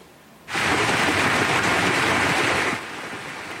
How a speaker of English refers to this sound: See the size of that hail coming down.